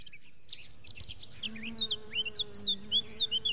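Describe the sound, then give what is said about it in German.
Rapid, repeated bird chirps and tweets ring out high and clear, while a steady low buzzing of bees hums underneath throughout. “Die Vögel zwitschern, die Bienen summen und wir funken dazwischen.”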